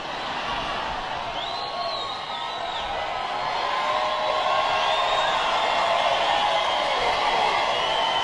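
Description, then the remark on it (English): A large crowd at a Donald Trump rally in Marietta, Georgia cheers and shouts steadily for several seconds, with a sharp whistle cutting through early on and the roar swelling a little louder toward the end. “And the crowd, realizing what he's doing, I think they realized totally what he's doing, decided to play along as well.”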